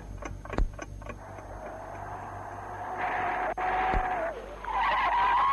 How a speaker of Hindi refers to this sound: अरे तुमने गाड़ी क्यों रोक दी?